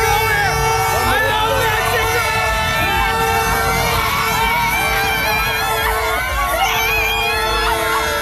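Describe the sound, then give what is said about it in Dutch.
A dense, loud crowd of Mexican fans celebrating host country Mexico's qualification for the round of 32 screams and cheers nonstop, high-pitched shouts and whoops overlapping, with toots of horns cutting through the constant roar. “Ja, hij werd helemaal ondergespoten met een soort nepsneeuw en kon geen woord meer uitbrengen door alle enthousiast schreeuwende fans daar.”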